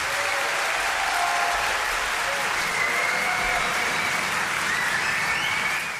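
Sustained applause from a concert audience, a dense, steady wash of clapping that holds at an even loudness for several seconds before easing slightly at the end.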